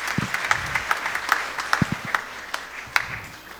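A group applauds, with sharp, distinct claps standing out above a steady wash of clapping for several seconds, plus a few low vocal murmurs underneath.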